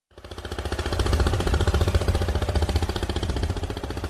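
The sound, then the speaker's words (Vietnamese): The 13-horsepower petrol engine of a small vỏ lãi boat used for selling fresh goods runs steadily on the Bảy Háp River in Cà Mau province, Vietnam; its loud, rapid chugging pulse rises quickly at the start, then holds an even, rattling rhythm with no voices over it. “Động cơ là chiếc máy xăng công suất 13 CV mã lực.”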